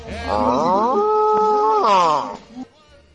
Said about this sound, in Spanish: Y las vacas, cuando escuchan eso, ya saben que el toro anda.